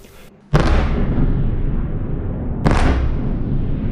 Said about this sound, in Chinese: 8号凌晨，基辅市再次响起多次强烈爆炸声。乌空军3:40至42在社交媒体发布多条预警信息，称俄军多枚弹道导弹正向基辅市方向飞来。